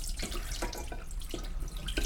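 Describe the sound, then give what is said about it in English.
Water sloshes and splashes as a hand swirls it around in a bowl during a pre-soak before cooking, with soft irregular gurgles and drips, steady, no voices. “And I'm going to do one more swirl just because it's very satisfying to do that. I do it with hand.”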